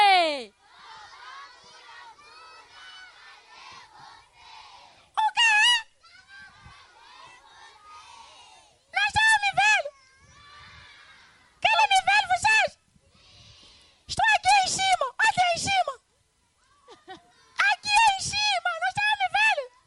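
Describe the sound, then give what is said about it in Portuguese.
A group of children shouts together, calling out for the character Vovó Gula Gula, in several loud, high-pitched bursts separated by lower, busy chatter and murmuring from the crowd. “Então vamos todos gritar.”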